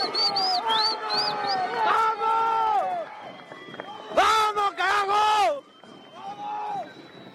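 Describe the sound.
A crowd of many voices shouts and chants in sustained, rising and falling tones, swelling into a louder, noisier roar midway before easing back to scattered calls, as fans chant for 'el Birro' while players, goalkeepers and coaching staff go up, five days before the World Cup.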